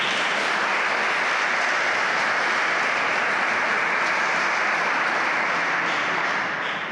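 An audience applauds in a dense, steady wash of many hands clapping, holding an even loudness for several seconds before easing off slightly at the very end. No one speaks over it.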